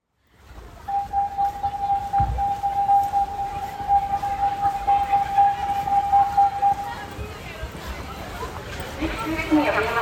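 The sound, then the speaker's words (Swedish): A fire alarm during a fire drill at Ormskärsskolan in Västerås sounds a single steady, unwavering mid-high tone for about six seconds, then cuts off, with a busy background of voices and bustling noise underneath. “Ja, jag är vid Ormskärsskolan här i Västerås där man har haft en brandövning som ser ut att ha gått ganska bra.”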